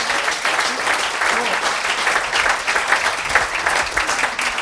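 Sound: audience applause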